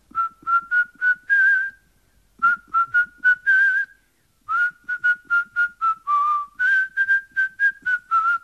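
Someone whistles three short, lively phrases, each a quick run of clipped notes ending on a held tone, with brief pauses between. The whistling is clear, with no talking.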